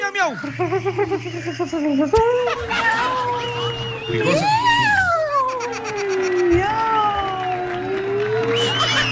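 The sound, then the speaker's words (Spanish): A voice imitates a cat's meowing with long, wavering, rising and falling cries, repeated several times over a lively crowd murmuring and laughing in the background. “Miau, miau, miau, mi gatito.”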